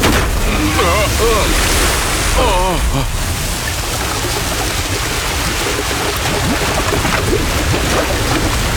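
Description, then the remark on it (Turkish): A loud, unbroken roar of wind and heaving sea fills the scene like a violent storm on the water, with a voice briefly cutting through near the start. “Fırtına çok şiddetli.”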